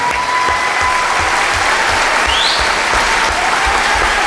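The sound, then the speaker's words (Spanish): Loud, sustained applause from a sizable audience for a man in a tunic called up from the crowd, dense clapping filling the whole stretch at a steady level, with a faint whistle rising briefly partway through. “Por favor, un fuerte aplauso para este señor medieval con tanta porquería encima.”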